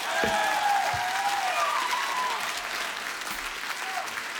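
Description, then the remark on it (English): A concert audience in Tampere applauds, with dense, steady clapping that holds at an even loudness throughout, while high cheers and a few whistle-like tones rise over the clapping. “I need a bigger applause than that tonight, Tampere.”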